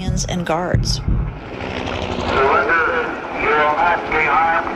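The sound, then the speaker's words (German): A steady helicopter drone fills the scene after a brief burst of voices as police storm a prison courtyard. Its rotor noise is sustained and fairly loud, with a distorted loudspeaker announcement echoing over it, repeatedly telling people to surrender with raised hands. “Und alles, was man währenddessen hört, ist ein Hubschrauber und eine Lautsprecherdurchsage, die immer wieder verkündet: Ergeben Sie sich mit erhobenen Händen, dann wird Ihnen nichts geschehen.”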